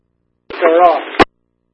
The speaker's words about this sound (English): Static, man. How should I know? I'm not a radio person.